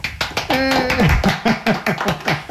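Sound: clapping hands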